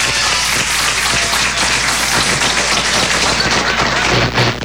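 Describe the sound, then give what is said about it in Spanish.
A crowd applauds loudly and steadily on the programme Conectados, many hands clapping in a dense, crackling wash that holds at an even level for nearly five seconds with no talking. “Vamos a dar un aplauso a Carlos, ¿vale?”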